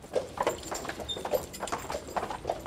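The hooves of two horses clip-clop in a steady, brisk rhythm, each sharp knock ringing clearly over a low rumble of wheels as they pull a beer delivery cart of the last beer coachman in OWL, Germany, on a Friday delivery round.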